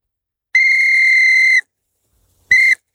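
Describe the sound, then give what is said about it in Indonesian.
A child blows a whistle hard, once in a long steady shrill blast of about a second and then in a second short burst, loud with no talking. “Kata ayah, kalau aku tiup peluit ini, ayah pasti datang.”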